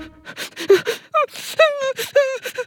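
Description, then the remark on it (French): A voice imitates the crying of Toudou, a cuddly toy, with a string of wavering, whimpering sobs broken by breathy gasps and sniffles, fairly loud, with no other sounds behind it. “Il est assis dans un coin et il pleure.”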